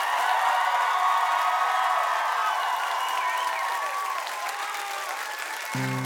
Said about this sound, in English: Hey, give everyone on the stage a huge round of applause.